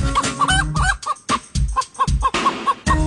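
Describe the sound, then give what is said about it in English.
Chickens cluck in quick, bouncy bursts over a looping musical backing in the Cliff Cluck Around segment jingle on DFW's Morning News, 570 KLIF. The clucks are loud, with short gaps between phrases, and no one speaks. “Winding down the news week by clucking around at DFW's Morning News.”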